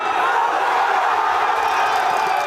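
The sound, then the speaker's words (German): A huge crowd of tens of thousands of football fans in central Madrid roars and cheers continuously at the final whistle as Spain wins the World Cup, a dense, loud wall of voices with scattered whoops and shouts throughout. “So klingt es, wenn Spanien Weltmeister wird.”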